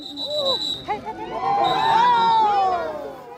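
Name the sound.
spectators cheering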